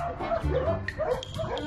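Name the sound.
dog barking and whimpering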